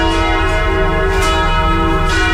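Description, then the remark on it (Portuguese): Church bells in Jequié ring out loudly and continuously at 11:46, announcing the hour of grace, their rich overlapping tones sustaining and swelling with repeated strikes, with no voices present. “Vamos ouvir os sinos.”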